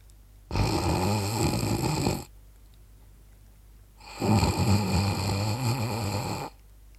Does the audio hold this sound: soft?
yes